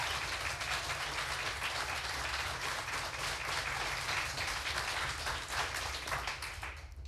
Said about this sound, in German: Macht die Bühne noch einmal richtig warm für die erste Finalistin. Ich bitte um einen finalwürdigen 10-Punkte-Applaus für die erste Starterin aus Hamburg